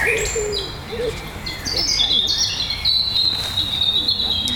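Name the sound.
european robin song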